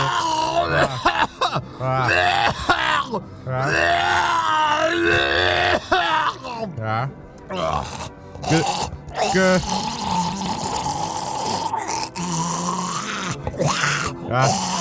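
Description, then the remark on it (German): Loud groaning with wavering, drawn-out vocal moans that continue almost without pause, broken by a few sharp, abrupt sneezes along the way. “Gesundheit”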